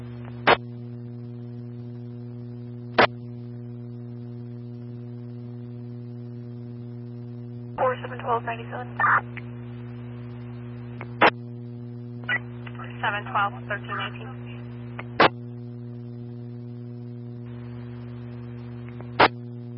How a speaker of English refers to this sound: 4548, I'm sorry, you're still pure static. Reposition and try again.